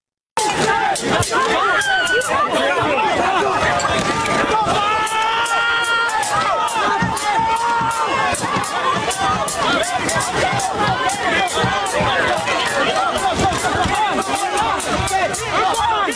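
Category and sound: crowd, street protest crowd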